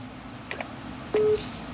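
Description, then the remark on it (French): Short electronic keypad beeps from a phone being dialed, two quick tones followed by a louder, slightly longer tone, clear with a faint background hum and no talking. “Bye, monsieur, téléphone d'abord.”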